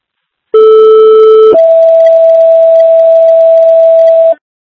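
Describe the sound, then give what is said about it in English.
Two-tone fire dispatch alert for an automatic fire alarm call at River Road, Maynard: a steady lower tone for about a second, then a higher sustained tone held for roughly three seconds, loud and alone with no talking. “Main or third tones for an automatic fire alarm.”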